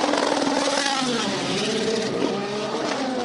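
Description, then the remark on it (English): The high-revving V12 engine of an Aston Martin Valkyrie screams steadily for a few seconds, its loud, shrill harmonics climbing and wavering as the car pulls away, with a dense roar of mechanical noise underneath. “There's a lot of smoke coming off the brakes of the Aston Martin Valkyrie, but John, I'm just going to wait for them to go off and away and hopefully give you the sound of the V12 scream.”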